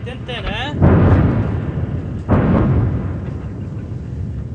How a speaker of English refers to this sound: And that was a really big boom. Another airstrike in the location near Ali al-Tahrir Hill,